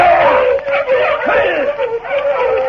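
A chorus of sled dogs yelps and howls together in a dense, continuous clamor, their overlapping high cries rising and falling loudly for the whole stretch.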